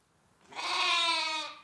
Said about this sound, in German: Wo Lämmer blöken, da sind auch ihre Mütter nicht weit. Und wo Schafe mit Lämmern sind, ist Milch.